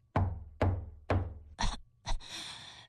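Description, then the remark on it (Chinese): Three firm, evenly spaced knocks on a wooden door, the wolf knocking at grandmother's house in the story of Little Red Riding Hood, each with a deep thud, followed by two short scraping bursts and a sustained breathy rush of noise. “他敲了敲门。”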